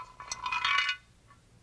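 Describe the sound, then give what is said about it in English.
A chicken bone drops into a frying pan with a bright, hollow metallic clink and brief rattle, ringing for under a second before fading to quiet. “That bone sure sound hollow in that frying pan.”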